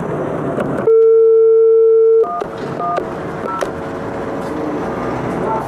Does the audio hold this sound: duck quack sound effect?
no